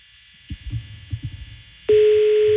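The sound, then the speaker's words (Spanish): Several soft low thumps and clicks over a faint hiss, then a loud, steady telephone ringback tone of an on-air call to a churro seller abruptly begins and holds unbroken until the end. “Está sonando el teléfono de Don Tommy.”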